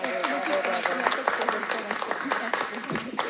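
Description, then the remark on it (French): A live audience at a radio show at the Salon du Livre de l'Île-du-Prince-Édouard applauds steadily, a dense wash of many hands clapping at once, sustained for a few seconds, with some voices mixed into the crowd noise. “Je pense qu'on peut les applaudir, le public.”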